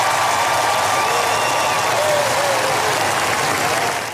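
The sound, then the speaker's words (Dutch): A large crowd applauds steadily and loudly as the royal family appears on the palace balcony after the funeral, a dense wash of clapping that holds at an even level for several seconds before starting to fade at the end. “Toen de koninklijke familie na afloop van de begrafenis op het balkon van het paleis verscheen, kregen ze een groot applaus.”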